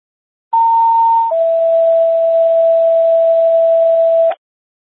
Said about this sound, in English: Medic 60, how do you copy non-emergency tones? 60, copy.